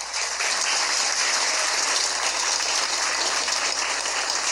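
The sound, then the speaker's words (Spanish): A crowd applauds steadily at a Cobach school gathering welcoming first-year students, dense overlapping claps forming a loud, even roar of hand-clapping that holds throughout with no voices standing out. “Un fuerte aplauso, por favor.”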